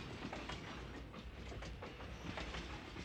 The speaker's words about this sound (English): To those of you joining us here, welcome aboard the Disneyland Railroad. Please remain seated while the train is moving, keeping your hands and arms inside the car.